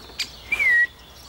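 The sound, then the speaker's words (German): A young woodpecker, just released at its new home, calls once: a short sharp click followed by a clear, steady whistled note, standing alone against quiet background. “Dass er ein bisschen vom Menschen Abstand nimmt und sich hier halt Spechtfreunde sucht. Aber er ruft ja immer noch.”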